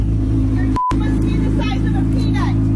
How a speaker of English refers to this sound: So again, a guy has started his Corvette after getting gas at a Texas station, and a woman walks over and says she has tinnitus of the ears, and you're hurting me.